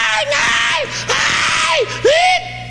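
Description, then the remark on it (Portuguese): Loud shouting from a group of people in an audience, with voices yelling and crying out in overlapping bursts and rising, wavering cries over about three seconds. “Esses grita aí.”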